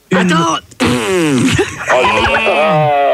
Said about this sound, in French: Pète un coup, ça ira mieux.